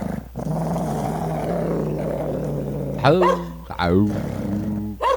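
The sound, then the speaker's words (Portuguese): A voice imitates a pack of dogs barking nonstop, starting with a long, low growl and then breaking into several sharp, loud barks and yelps. “O cachorrado começou a latir sem parar.”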